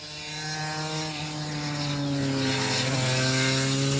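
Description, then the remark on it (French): A two-stroke 250 twin-cylinder motorcycle engine revs high and steady, a loud, buzzing, strident whine with a brief pitch dip and rise near the end, with no talking. “c'est un son vraiment caractéristique du deux-temps. Surtout une 250”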